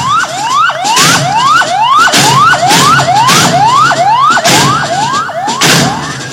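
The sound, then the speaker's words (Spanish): A fire engine siren on a Jacinto Man fire truck from 2019 with a 4,000-litre water capacity whoops loudly, its rapid rising sweeps repeating about twice a second, with harsh bursts of noise breaking in roughly once a second. “También la compañía posee un moderno carro bomba marca Jacinto Man, año 2019, con capacidad de 4.000 litros de agua.”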